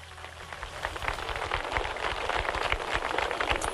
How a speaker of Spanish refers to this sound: Para esos héroes que nunca deben ser olvidados, que deben ser parte de nuestra memoria constante, por favor, todo honor y toda gloria con un fuerte aplauso para ellos.